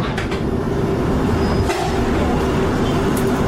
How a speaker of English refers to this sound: Customers for Heathrow Terminal 4 should change across platform at this station for a train to Terminals 4 and 123. This is a Piccadilly line service to Cockfosters.